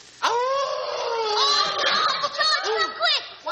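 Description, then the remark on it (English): A man imitates a howling dog with one long, loud, wavering wail that slides up and down in pitch for about three seconds, ending in a few short rising yelps. “you make a noise like a dog. Lay your ears back and howl.”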